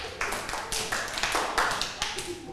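A group of children in a class clap their hands for a classmate at the teacher's request, a quick, uneven patter of overlapping claps lasting a couple of seconds, moderately loud, with no one speaking.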